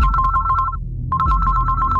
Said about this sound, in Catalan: Una altra cridada pels deutes? Una altra vegada el telèfon que no atura de sonar?